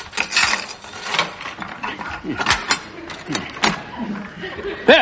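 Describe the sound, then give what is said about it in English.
Metallic clicks and rattles of a lock being worked on a back door, followed by the door being pulled open, with a sharp clack right at the end. “Open the back door”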